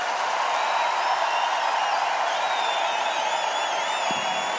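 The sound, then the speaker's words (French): Sustained audience applause, a dense, steady wash of many hands clapping at constant loudness, with faint whistles and cheers rising above the crowd noise. “Maintenez un applaudissement pour vous.”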